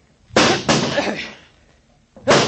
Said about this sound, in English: Break down the door. That's it. That's it. Grab that chair. Stand back, Doc. Get away from the door.